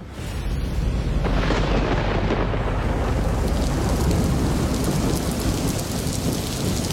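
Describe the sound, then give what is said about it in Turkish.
Steady, heavy rain starts falling again and pours down, a dense continuous hiss with a deep rumbling undertone like thunder, building in the first second and then holding loud throughout. “Tam da bu sırada tabii ki yağmur yine başladı.”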